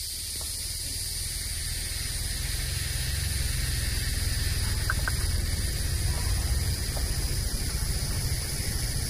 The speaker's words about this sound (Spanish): Y tenemos aquí unas chicharras también, grillos con chicharras.